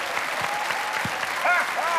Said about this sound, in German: Applaus, Applaus, ja!